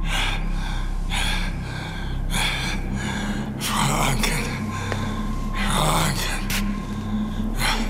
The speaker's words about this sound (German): Nach einer Weile rutschte er von dem Kanapee herab und schritt langsam der Tür zu und draußen bis an das Geländer der Treppe. Eine Weile blieb er keuchend stehen und streckte er den Kopf vor.